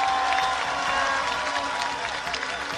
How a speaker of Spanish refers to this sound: Un aplauso para ella.